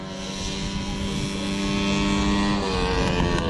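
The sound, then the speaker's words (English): Racing lawnmower engines drone steadily and loudly as drivers rev them on a racetrack in central Queensland at the All-Australian Mower Racing Championships, a dense harmonic buzz rising slightly in pitch, with no voices over the mechanical roar. “On a racetrack in central Queensland, drivers are revving their engines. But these aren't typical race cars. They are lawnmowers.”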